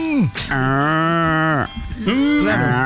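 A loud cow moo, one long drawn-out bellow followed by a shorter second call that rises and falls, with no talking.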